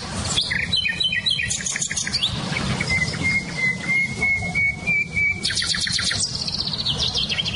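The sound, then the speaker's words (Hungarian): Songbirds sing outdoors, a nightingale and a blackbird, trading rapid trilled phrases, a long drawn-out whistle and bright chirping bursts over a steady low rumble of background noise. “nem csak a fülemüle hallatszik ki, hanem például a fekete rigó”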